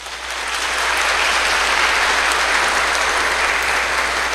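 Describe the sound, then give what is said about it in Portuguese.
Steady, dense applause from a church audience welcoming two children being baptized during a Eucharistic celebration, rising quickly in the first half second and then holding at an even, loud level of overlapping claps throughout, with no voices. “Então, novos membros se aproximam da comunidade cristã e nós o acolhemos com a salva de palmas.”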